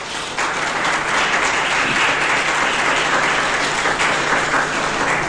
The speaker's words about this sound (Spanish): Le damos un aplauso fuerte a Jesús.